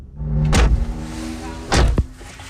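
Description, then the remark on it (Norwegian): Interior of a driving school car of an instructor in Porsgrunn, Norway, with a steady low engine hum, broken by two brief whooshing mechanical bursts and a sharp click near the end, like doors or windows being operated. No one speaks. “Nå vi inne I kjørebilen”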